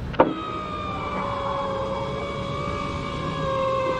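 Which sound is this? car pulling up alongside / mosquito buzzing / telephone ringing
car pulling up alongside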